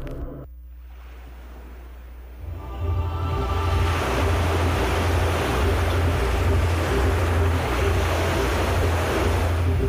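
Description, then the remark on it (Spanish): Ocean surf rushes in after a quieter opening, settling into a steady, loud wash of waves breaking ashore with a low, pulsing rumble underneath and no voices. “Las olas cambian el rumbo, navegando hacia lo desconocido.”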